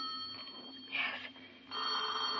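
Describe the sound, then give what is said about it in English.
An old-fashioned telephone bell rings loudly, a shrill continuous trill that dips briefly midway before resuming at full strength. No one speaks. “You better answer the phone.”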